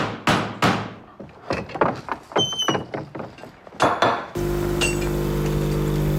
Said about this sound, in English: Okay, so that's the coffee machine. Ja, da geht eine Kaffeemaschine, die da läuft.